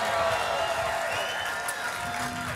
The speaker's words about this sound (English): Thank you so much. Thank you. And hey, can we get a big round of applause for The Current and Surly for having us today?